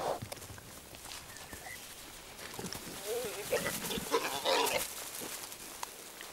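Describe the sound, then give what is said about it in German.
A group of wild boar, sows with piglets of different ages gathered in a sounder in early summer, grunt and squeal in an irregular jumble, with higher-pitched piglet squeals rising over lower grunts, growing louder midway, plus occasional rustling underneath. “Unter der Leitung einer erfahrenen Wache haben sich Wildschweinmütter mit ihren unterschiedlich alten Jungen zu einer Rotte zusammengeschlossen.”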